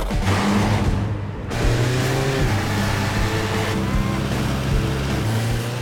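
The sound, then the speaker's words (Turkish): A car engine runs steadily during a test drive with a low, rumbling drone and humming harmonics, its pitch shifting slightly as it revs and pulls along, loud and continuous throughout. “Sanırım bir test sürüşü yapmanın vakti geldi.”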